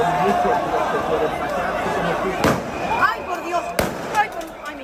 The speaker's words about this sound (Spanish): Son disparos de fogueo.